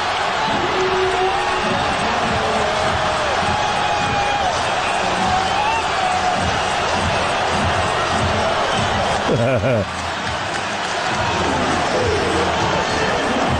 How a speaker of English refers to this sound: And you hear the crowd build. You hear this whir. That's probably the best word for it. It's this like fester. With the Knicks within 4 points, 4:30 to go.